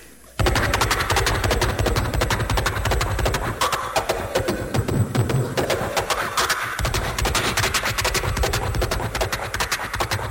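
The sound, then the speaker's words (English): Horse hooves clatter rapidly and loudly as a horse crosses a hollow wooden bridge, a dense, continuous drumming of hoofbeats lasting throughout, with no voices. “And now he crosses a bridge, a little sway back.”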